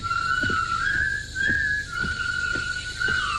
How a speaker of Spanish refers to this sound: Una columna de soldados británicos derrotados y convertidos en prisioneros por el ejército japonés entra silbando burlona y desafiadamente en el campo de trabajo donde construirán el puente sobre el río Kwai.